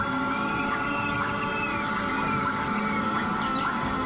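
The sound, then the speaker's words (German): Bird-like chirps and sweeping whistled calls rise and fall over a dense, steady wash of humming tones, continuous and fairly loud, no voices: a park sound installation by Brazilian sound artist Bella Compson mixing magnetic fields of trees turned into sound with sounds from the Brazilian rainforest. “Es könnten auch Vogelstimmen aus dem Amazonas sein, denn die brasilianische Klangkünstlerin Bella Compson mischt für ihre Klanginstallation im Park die in Klänge umgesetzten Magnetfelder von Bäumen mit Sounds aus dem brasilianischen Regenwald.”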